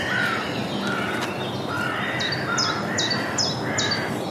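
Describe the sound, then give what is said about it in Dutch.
A blue tit calls in a quick series of five or so high, thin notes, clear over a steady wash of traffic noise, with softer bird chatter underneath. “Zij zijn ook met elkaar in conclaaf. Pimpelmees.”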